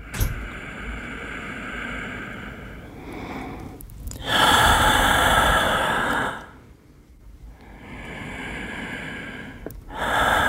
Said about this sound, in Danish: Trækker vejret. Helt uden at tænke over det. Menneskets åndedræt fortæller mere om os, end vi lige går og tror.